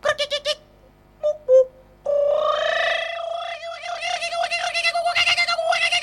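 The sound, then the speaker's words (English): A didgeridoo starts with four quick tongue-flicked pulses and a couple of short lip buzzes, then settles into a steady droning hum with a vocal growl, its overtones swelling and pulsing rhythmically. “So the flicking of the tongue, the buzzing of the lips, and then I start to use my voice box.”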